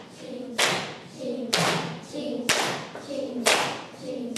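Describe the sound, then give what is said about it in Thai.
In a Thai music lesson for children, four sharp hand claps land at a steady, evenly spaced beat about a second apart, on the word "chap" of a "ching-chap" rhythm, while a voice chants rhythmically in between. “ลองทดสอบปรบมือตรงคำว่าฉับนะคะพร้อม3 4ชิงฉับชิงฉับชิง”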